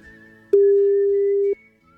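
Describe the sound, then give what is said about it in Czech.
A single steady telephone ringback tone sounds for about a second as a Radio Kiss host calls Mr. Troška on a Sunday at 7 a.m., loud and clear over faint background hum, with quiet before and after. “Počkej, zavoláme v neděli v 7 ráno pana trošku.”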